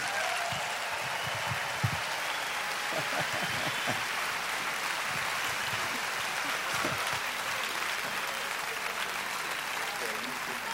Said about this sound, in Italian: So, Perugia vi chiede di put your hands together please, mettete le vostre mani insieme. Un grande applauso, diamo benvenuto sul nostro palco a … e ….